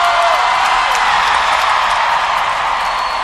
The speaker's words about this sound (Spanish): Un aplauso más fuerte para esta evidencia de la música!